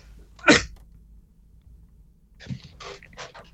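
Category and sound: human body sound, cough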